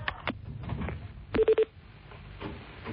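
A telephone call to someone's home rings on the line, giving three quick, evenly spaced electronic tones in a row, set among scattered clicks and a low background rumble.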